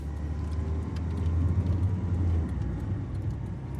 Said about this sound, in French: Je monte dans la voiture. Twingo verte.